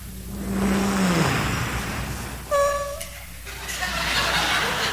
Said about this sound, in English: They try to be as quiet as possible to get into that house. So what do? They drive up into the driveway with as least noise as possible with that car.